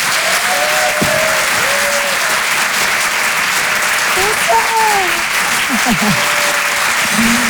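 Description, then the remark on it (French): A large audience at the Rire et Chanson Comedy Club, on stage at the Apollo Théâtre in Paris, claps loudly and steadily for the whole stretch, a dense roar of applause with a few scattered whoops and whistling cheers rising above it. “Et je vous demande un tonnerre d'applaudissements s'il vous plaît”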